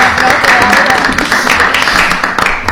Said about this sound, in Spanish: ¿por qué no? Fuerte aplauso, bueno.